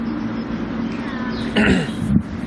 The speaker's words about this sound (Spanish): ¿Cómo está la garganta? ¿Bien ese carraspeo?